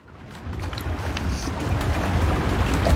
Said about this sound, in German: Ein kleines Boot, das fast schon lautlos neben den Sportlerinnen und Sportlern vom Ruderclub Zürich herfährt. Hören tut man vor allem die Wellen, die gegen das Boot schlagen, und zwischendurch den Trainer, der Anweisungen gibt.